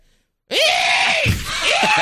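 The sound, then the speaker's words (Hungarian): A person voices a loud, harsh, raspy caw in imitation of a hooded crow, one drawn-out grating call that starts abruptly after a brief silence and wavers slightly in pitch. “Add a varjú hangot.”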